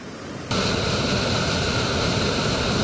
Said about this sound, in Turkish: Yağışla beraber Kağıthane Deresi taştı. Derenin içerisindeki yoğun debili su ise önüne ne kattıysa götürdü.